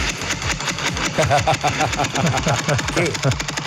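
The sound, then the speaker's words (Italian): A postcard stuck in bicycle spokes flaps against them, making a fast, steady rattling buzz, fairly loud, rising and falling a little in pace so it sounds like a small moped engine. “Sembra una moto, ma invece è una cartolina infilata nei raggi della bicicletta per fare un attimo di più il figo.”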